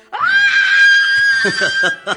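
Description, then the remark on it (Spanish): A man belts out a long, loud, high-pitched yell, an imitation of the cry of independence of July 20, held steady for nearly two seconds before breaking into a few short breathy bursts. “Es 20 de julio, día del grito de independencia, jovencito. Y ese grito fue como algo así”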